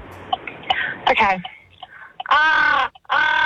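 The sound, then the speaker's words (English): A person imitates a crow with two loud, harsh, raspy caws in quick succession, after some brief murmuring and breathy vocal noises. “That's a crow.”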